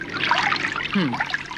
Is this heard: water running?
yes